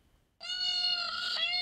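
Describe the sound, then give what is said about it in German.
A peacock lure call played back from a phone while searching for four peacocks in Bochum-Günnichfeld: one loud, sustained, nasal wail with rich harmonics, bursting in after a brief quiet moment and holding a fairly steady high pitch. “Lockruf per Handy.”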